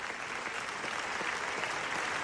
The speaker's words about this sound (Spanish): No, los aplausos son para los directores de NAFA, el documental del genocidio en Gaza que ha recibido la ovación más larga de la historia del Festival de Cine de Venecia. Casi 25 minutos.